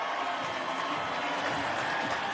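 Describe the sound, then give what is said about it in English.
A crowd roars and applauds without pause as Dave Chappelle joins the show, a dense, steady wash of cheering and clapping that stays loud and even from start to finish. “I can't hear anything right now. They're cheering so crazy.”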